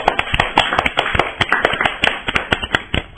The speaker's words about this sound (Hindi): तो आपने बहुत ही अच्छी जानकारी दी पेड़ के बारे में, तो बच्चों इनके लिए जोरदार तालियां हो जाए।